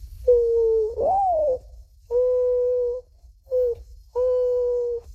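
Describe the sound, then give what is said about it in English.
A 12-year-old boy imitates a mourning dove's call: a mellow coo that swells and dips, followed by three steady, hollow notes, long, short, then long, over a faint low rumble. “First, the mourning dove.”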